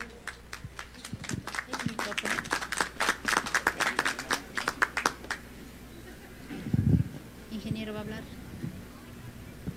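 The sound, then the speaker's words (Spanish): An audience bursts into applause at an award presentation on stage, a dense run of sharp claps lasting about five seconds before fading out, followed by a low murmur and a brief voice. “Venga, los aplausos, por favor.”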